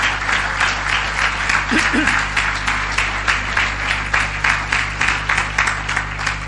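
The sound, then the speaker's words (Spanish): An audience gives a big round of applause to the Lord, clapping steadily for several seconds in a dense, even wash with a brief low voice murmur partway through and a constant low hum underneath. “¿Quieres darle un aplauso al Señor? Yo creo que Él se merece un aplauso grande.”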